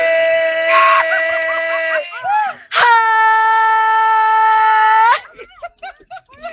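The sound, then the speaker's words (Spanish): A loud, drawn-out celebratory shout held for about two seconds, then after brief vocal bursts a second, even longer sustained yell, followed by short excited vocal sounds. “¡Qué gritazo!”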